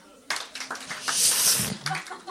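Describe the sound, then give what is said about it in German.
Thin, scattered applause from a small crowd: a few uneven hand claps that start suddenly, swell briefly, then trail off without ever building into a full ovation. Faint voices murmur underneath. “Merkt ihr, das tut weh, da, Achtung, da hört man das Künstlerherz brechen bei diesem Applaus.”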